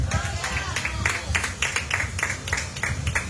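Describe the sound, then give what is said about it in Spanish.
A church audience claps loudly and steadily for God, a dense rhythm of sharp, bright claps that fills the whole clip, with a murmur of voices mixed underneath. “Dale una prueba de palmas fuertes a nuestro Dios, iglesia.”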